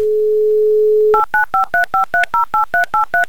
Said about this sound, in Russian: Вновь набран номер, вновь гудки.